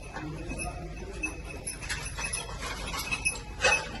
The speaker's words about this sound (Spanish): Lo que escuchan es el tintineo de uno de los perros buscando supervivientes bajo los escombros en un garaje en el que se ven los coches aplastados. Los bomberos del ERICAM dejan que busquen en silencio. El perro entra y sale en los escombros.